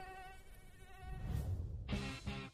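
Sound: mosquito buzzing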